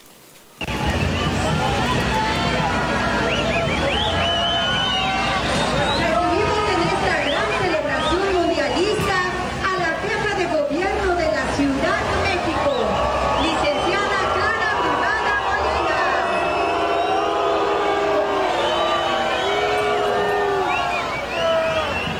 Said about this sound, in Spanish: Tremendo abucheo se llevó la jefa de gobierno precisamente ahí en Paseo de la Reforma.